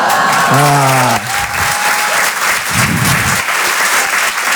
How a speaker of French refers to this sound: Vous applaudissez ma mort ou c'est une blague, là?